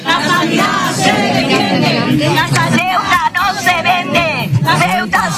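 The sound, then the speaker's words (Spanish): A crowd of protesting health workers and hospital users, in white coats and with placards, shouts and chants together in the morning outside the Hospital Universitario de Ceuta, in a loud, continuous hubbub with overlapping voices rising in sharp bursts and yells throughout. “Batas blancas, pancartas y gritos de protesta esta mañana a las puertas del Hospital Universitario de Ceuta.”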